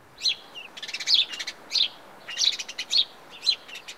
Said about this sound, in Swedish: Passer domesticus är det vetenskapliga namnet på den här fågeln.